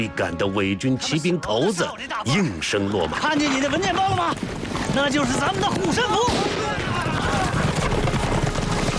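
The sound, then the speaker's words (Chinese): Galloping hooves of dozens of puppet-army cavalrymen pound in a fast, steady rhythm as they chase two young men in Eighth Route Army uniforms through a mountain valley, raising yellow dust, growing busier and denser in the second half, mixed with voices and shouting over a rough, noisy background. “飞奔的马蹄勾起滚滚黄尘，让人看不清究竟。”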